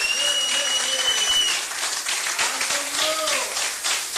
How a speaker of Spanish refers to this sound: Dele fuertes aplausos a Cristo en esta bendita noche.